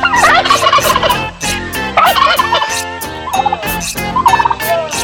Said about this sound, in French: On me fait signe que Monsieur Dindon est prêt à faire son intervention. On l'attendait depuis ce matin. He's ready to talk.